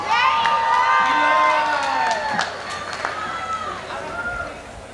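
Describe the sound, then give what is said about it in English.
A crowd cheers loudly for a name being called out, with overlapping high whoops and shouts, a few claps cutting through. The cheering holds steady for about two seconds, then eases slightly while continuing. “We got a big applaud for this.”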